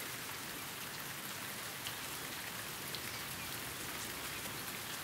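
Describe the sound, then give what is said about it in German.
Steady rain falls without pause where a lapwing shelters her three newly hatched chicks, a dense, even hiss of countless drops pattering on the ground, with no voices and no lulls. “Ihre drei frisch geschlüpften Küken drohen zu durchnässen und zu erfrieren.”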